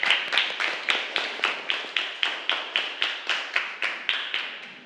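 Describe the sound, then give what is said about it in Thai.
A class of students claps together in a steady, even rhythm, roughly three claps per second, bright, to encourage a classmate, student number 18, called on by the teacher, continuing for about five seconds with no talking over it. “เอาเป็นเลขที่18ดีกว่าใครคะเอาปรบมือให้กำลังใจเพื่อนก่อนเร็ว”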